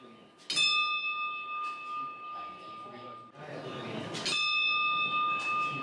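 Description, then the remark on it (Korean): A bell on a golden temple prayer wheel (mani wheel) at a temple entrance, inscribed with Om Mani Padme Hum and turned in prayer, rings out twice, a few seconds apart, each clear metallic tone sustaining and shimmering over a low murmur of background voices. “종소리가 아주 마음을 편안하게 해주는 것 같아요.”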